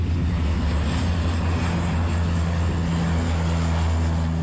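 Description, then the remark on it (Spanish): A firefighting seaplane drones steadily overhead during a forest fire, loading water at the Ullibarri reservoir. Its engine is a loud, continuous low hum with a broad roar on top, holding at the same level for several seconds with no voices. “También brigadas forestales e hidroaviones que cargan el agua en el pantano de Ullibarriasi.”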